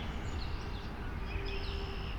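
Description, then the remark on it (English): Faint calls of many red-winged blackbirds drift over steady outdoor background noise by still water, a few thin high whistles and trills scattered across the moment, with no one talking. “I hear lots of red-winged blackbirds.”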